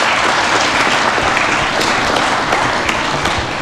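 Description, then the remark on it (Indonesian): A large audience bursts into sustained applause after hearing that 250 state-owned enterprises were closed or merged, dense and loud throughout, with countless overlapping claps forming a steady roar and no voices standing out. “Nah, ini boleh tepuk tangan dong.”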